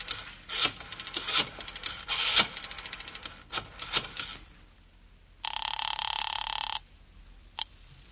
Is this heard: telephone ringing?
yes